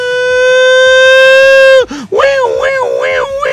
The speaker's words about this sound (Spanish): Alarma sísmica.